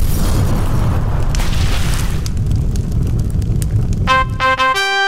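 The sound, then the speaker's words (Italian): A boat engine is started with a key and catches on the first try, into a loud, steady, low rumbling roar that fills the whole clip, with a rising high-pitched whine near the end. “Giro le manopole. Libero il motore! Giro le chiavi!”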